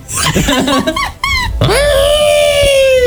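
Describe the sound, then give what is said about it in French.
A voice imitates Chewbacca's Wookiee roar in an imitation contest: loud, warbling, growly vocal bursts that rise and fall, then one long sustained moaning howl that holds steady to the end. “Allez, allez, je donne un point bonus pour vous départager à celui qui imite le mieux Chewbacca.”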